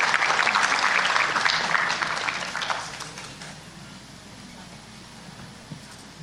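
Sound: audience applause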